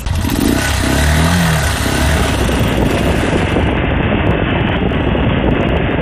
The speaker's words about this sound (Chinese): 每天要骑20分钟摩托车下山到屈兹卡乡的温泉酒店上班。